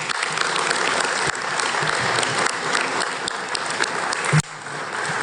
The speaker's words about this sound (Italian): Accompagniamo con un applauso la protagonista di questa giornata